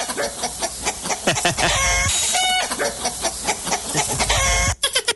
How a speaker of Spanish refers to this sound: Ya andan correteando las gallinas pa'l mole de rato, ¿eh?